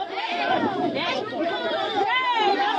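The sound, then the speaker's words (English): A group of people shoving each other and shouting over one another during a heated conflict between neighbors over mining, in an agitated, overlapping clamor of raised voices, steady and loud throughout with no clear words standing out. “A video taken by one of the villagers shows a group of people shoving each other and shouting.”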